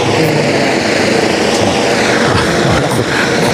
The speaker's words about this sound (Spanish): Ahora se nos ha posado encima un helicóptero, pero ya abandona el lugar. Hoy vamos a tener helicóptero todo el día y Ceuta hoy es una ciudad algo más segura.